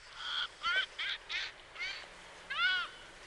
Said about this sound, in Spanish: Música refinada y luminosa, que contrasta sin duda con la estridencia algo desafinada, la estáis escuchando, de la gaviota de Adowin. Nombre científico, Ichiaetus adowini. Canta fatal, es verdad, pero es una preciosidad.